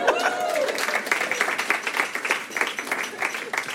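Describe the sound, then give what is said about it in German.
An audience applauds the first comedian of a comedy show steadily, a dense patter of many hands clapping at a fairly loud level, with a brief tonal voice-like sound at the very start before the clapping takes over. “Hier ist unser erster Comedian, macht einmal Applaus.”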